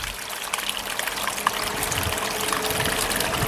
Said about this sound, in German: Radio Rumori, der geheimste Wasserfall von Winterthur.